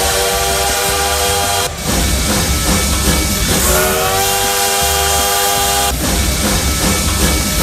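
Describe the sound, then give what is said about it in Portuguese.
A train whistle sound effect blares in long sustained blasts over the heavy rumbling chug of an engine, broken by a couple of brief pauses, with no one speaking. “porque olha o trem bala já fazendo barulho por aqui e aquecendo os motores.”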